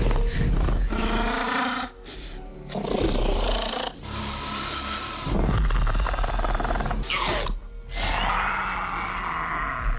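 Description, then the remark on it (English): A series of loud, screeching dinosaur roars and snarls, velociraptor-style, with raspy hissing bursts and shrieks separated by brief pauses, dominant with no talking. “I don't think they're anything like velociraptors, but they get such a bad rap.”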